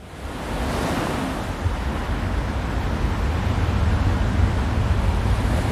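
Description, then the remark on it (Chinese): Ocean waves wash steadily onto a beach in August, with a warm sea breeze, where female olive ridley sea turtles come ashore. The waves make a continuous, fairly loud roar with a deep low rumble and a faint wind-like hiss. No one speaks. “时间来到8月，和暖的海风似乎在期盼新生命的到来。雌性太平洋丽龟乘着海浪聚集到沙滩上”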